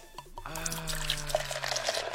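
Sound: liquid pouring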